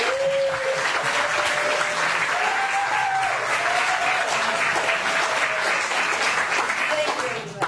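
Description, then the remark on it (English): A crowd breaks into sustained, loud applause for a meeting, dense rapid clapping filling the whole stretch with cheers and whoops rising through it, tapering slightly at the very end. “Can we clap for this meeting?”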